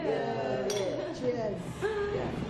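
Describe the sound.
A few bright glass clinks ring out as glasses touch in a toast, with voices murmuring and chattering underneath throughout.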